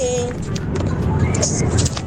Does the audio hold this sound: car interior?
yes